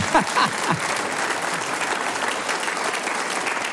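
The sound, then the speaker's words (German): A live audience, invited by the host to clap, breaks into sustained applause, a dense, steady wash of many hands clapping throughout, with a brief voice heard at the very start. “Sie dürfen alle klatschen.”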